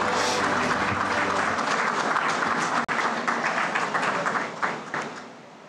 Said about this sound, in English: Ladies and gentlemen, a warm round of applause for the Finance Minister, Nirmala Sitharaman ji.